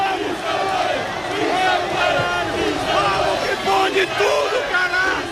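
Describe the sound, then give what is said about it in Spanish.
A large crowd of Unión Deportiva Almería football fans, some 4,000 people at a roundabout, roars and chants continuously as the team bus passes, many voices shouting together in a dense, loud wall of cheering that swells and surges throughout. “Ahora mismo está pasando por delante nuestro el autobús de la Unión Deportiva Almería. Dicen que una imagen vale más que mil palabras, pero un sonido también.”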